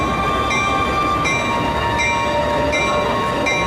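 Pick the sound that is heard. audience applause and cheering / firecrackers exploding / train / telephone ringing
train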